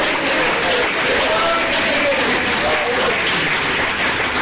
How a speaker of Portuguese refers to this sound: Ó, glorificar Jesus com palmas, ele merece, ele é misericordioso, ele é bom.